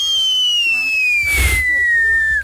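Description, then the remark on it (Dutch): A voice imitates a skyrocket firework: a high, steady whistle gliding slowly downward for about two seconds, with a brief breathy burst in the middle, fairly loud. “als klap op de vuurpijl, kun je ook nog vuurwerk nadoen?”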